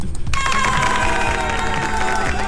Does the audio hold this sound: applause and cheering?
yes